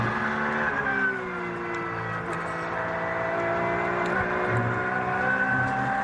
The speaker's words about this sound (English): Porsche is giving us a little masterclass on how to drive this clear track for him at the moment